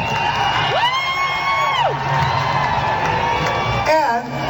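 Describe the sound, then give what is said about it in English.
A large concert audience chants "USA! USA! USA!" and cheers loudly, a dense wall of voices with a few rising and falling whoops cutting through, continuous across the whole moment. “the maggots in the audience to begin stupidly chanting, USA! USA! USA! This is what it sounded like.”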